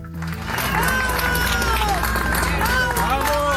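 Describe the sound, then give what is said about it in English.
A crowd in Caracas, Venezuela, cheering and shouting loudly and without pause as first responders carry an injured man out on a stretcher after earthquakes, many overlapping voices rising and falling, with a dense noisy bustle underneath. “People cheering as first responders in Venezuela carry an injured man out on a stretcher.”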